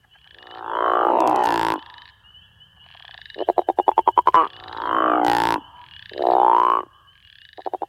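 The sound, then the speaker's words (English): A male crawfish frog gives its breeding-season call to attract females: a series of loud, deep, snoring croaks, each lasting about a second with a rattling pulsed texture, repeated roughly four times in close succession with no talking. “The call of the crawfish frog is a deep, resonating, guttural snore that males use to attract females during the breeding season.”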